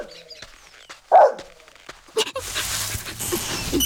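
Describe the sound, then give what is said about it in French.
A dog lets out one sharp bark after some faint whimpering, followed by a steady rustling, scratching noise that fills the rest of the moment. “Il ramène son chien maintenant.”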